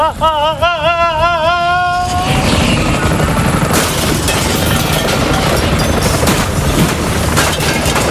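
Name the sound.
helicopter rotor noise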